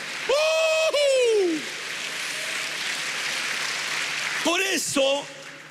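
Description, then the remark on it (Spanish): A church audience applauds for the Lord in a steady, dense patter for several seconds, with loud voices shouting out over the clapping near the start and again near the end. “A ver, un aplauso al Señor.”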